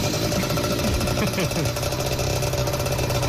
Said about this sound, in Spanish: Medianoche. La motito.